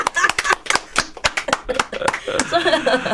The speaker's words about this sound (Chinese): 我要拍手。